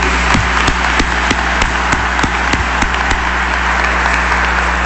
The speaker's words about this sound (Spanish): Le damos un aplauso también al asesor.